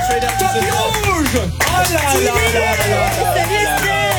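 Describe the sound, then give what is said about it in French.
A studio audience of the Super Show Energy applauds loudly and steadily for professional actress Esther Lepage, with whoops and cheers rising over the dense clapping, a brief dip midway before the ovation resumes at full strength. “Je vais vous demander de faire un tonnerre d'applaudissements pour Esther Lepage, s'il vous plaît, actrice professionnelle.”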